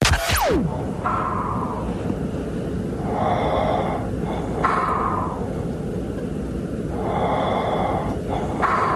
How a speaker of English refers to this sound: And snore three.